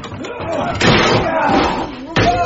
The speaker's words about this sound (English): We're in the shed! Break the door down!